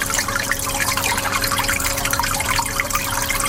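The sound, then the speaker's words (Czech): Water circulates and bubbles steadily in tanks, with a constant dense gurgle and a faint steady hum from pumping equipment underneath, unbroken throughout. “Voda v nádržích neustále cirkuluje a bublá.”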